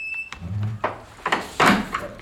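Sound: door being closed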